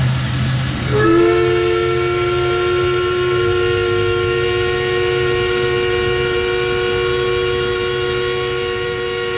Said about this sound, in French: C'est le sifflet de la papetière de Corner Brook, un bruit que vous avez peut-être reconnu si vous êtes déjà allé dans l'ouest de Terre-Neuve.